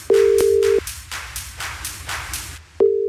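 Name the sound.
telephone ringing tone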